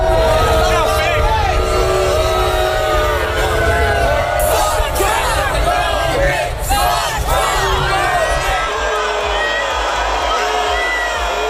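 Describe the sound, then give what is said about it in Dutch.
A large basketball-final crowd boos President Trump, roaring and jeering continuously at high volume, a dense wall of shouting and booing voices with overlapping whoops, sustained throughout before easing slightly near the end. “Hij werd gisteren tijdens een basketbalfinale uitgejouwd door het publiek.”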